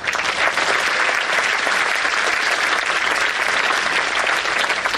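A crowd applauds steadily throughout, a dense wash of many hands clapping at a fairly loud, even level with no voices standing out.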